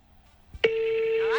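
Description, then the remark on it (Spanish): A quick click, then a steady, mid-pitched electronic telephone ring tone as a call is placed, holding at an even loudness to the end, with no voices over it. “Vamos ahí, vamos a llamar a ver.”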